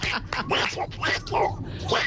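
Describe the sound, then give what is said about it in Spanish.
A radio listener imitates Donald Duck, speaking in a raspy, squawking cartoon-duck voice, a rapid string of garbled, nasal syllables that fills the whole two seconds with little pause. “Imitando al pato Donald.”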